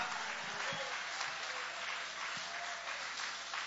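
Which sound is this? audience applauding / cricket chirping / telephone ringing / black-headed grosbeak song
audience applauding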